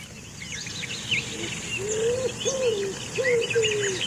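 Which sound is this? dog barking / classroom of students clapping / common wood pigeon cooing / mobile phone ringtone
common wood pigeon cooing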